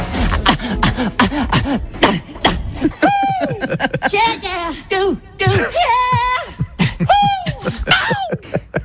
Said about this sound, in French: il y a quelqu'un sur Internet, sur YouTube, ah oui, qui s'est amusé à compiler tous les cris a cappella